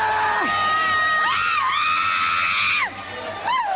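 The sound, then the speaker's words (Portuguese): An audience shouting and screaming together during an exorcism, crying out for Jesus to burn the demon. Many overlapping voices rise in loud, drawn-out cries that swell and fall, with a brief dip near the end before another rising yell. “Grita para Jesus queimar ele. Vai gritando para Jesus queimar.”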